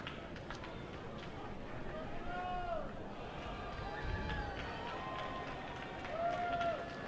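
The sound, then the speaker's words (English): A big baseball stadium crowd keeps up a steady roar of cheering and murmur, with scattered claps and a few rising whistles cutting through, for several seconds, making noise to urge on the batter. “Crowd making some noise, trying to urge on Mushinsky.”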